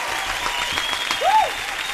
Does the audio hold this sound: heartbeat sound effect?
no